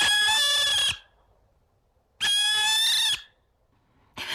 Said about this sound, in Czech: Kamarádi, dovolte, abych vám představil sovu pálenou, která se jmenuje Alice.